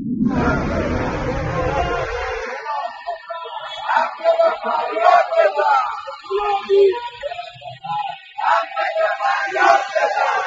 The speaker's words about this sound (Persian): روز یکشنبه پنجم مهر بازنشستگان فولاد اصفهان فریاد می‌زدند: فولادی داد بزن، حق تو فریاد بزن.